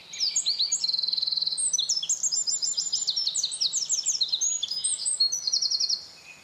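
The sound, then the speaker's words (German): A Eurasian wren sings a long, loud, continuous song of rapid high trills and sharp chirps, nearly six seconds without pause, clear with no voices. “Der Zaunkönig ist ein wahres Stimmwunder.”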